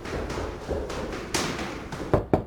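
Knocking on a door at 7:30 in the morning, Beijing time, by someone come to collect a bicycle: two sharp knocks land close together near the end, after a stretch of softer, muffled thumps. A quiet background hum runs underneath, and no one speaks.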